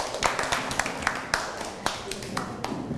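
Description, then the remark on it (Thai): A group of students claps for classmates after a group report on cleaning a temple, a steady patter of many hands with sharper individual claps standing out at irregular moments, moderately loud, with a faint murmur of voices underneath. “ปรบมือให้กับเพื่อนหน่อยครับ”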